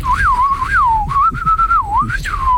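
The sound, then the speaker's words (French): A person whistles an imitation of blackbird song: one continuous, warbling mid-pitched line that swoops up and down for a few seconds, over a faint low background hum. “À moi, faire le chant du merle, ça va être difficile. Peut-être écouter. Il fait un truc du genre.”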